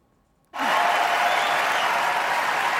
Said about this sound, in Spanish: Fue uno de los aplausos más sonoros de la noche el que se llevó Jean Smart. La actriz hizo historia al ganar su quinto Emmy, uno por cada temporada, siendo la protagonista de la serie Hacks.